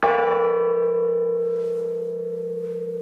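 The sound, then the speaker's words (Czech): A large cracked church bell from 1597, hanging inside the church by the presbytery rather than in the tower, is struck once, ringing out with a deep, slightly buzzy hum that lingers and fades slowly over a few seconds, with no talking. “Přecházíme napravo od presbytáře, tady visí veliký zvon. Můžete trošku cinknout, oče”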